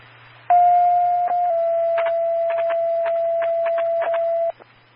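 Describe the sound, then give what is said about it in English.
A two-tone dispatch page over the radio from the Bell County Sheriff's Office, paging unit Last 791 for a patient transfer to the hospital: a brief steady tone, then a slightly shifted long tone held about three seconds, loud and flat, with crackling static bursts and a low hum beneath. “Bell County Sheriff's Office, page for last 791.”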